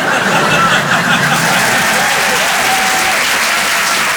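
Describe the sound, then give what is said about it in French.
An audience at a comedy show applauds steadily for about four seconds after the comedian says he has just had his second child, a dense, even wash of loud clapping with a few faint voices mixed in underneath. “Non, n'applaudis pas.”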